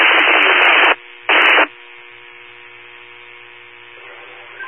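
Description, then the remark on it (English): Loud bursts of radio static hiss and crackle, one long burst then a shorter one, leaving a faint buzzing hum and low-level noise on the channel afterward. “You recovered up with static. Very unreadable.”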